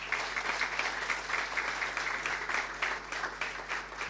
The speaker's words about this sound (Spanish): Un fuerte aplauso para nuestro equipo.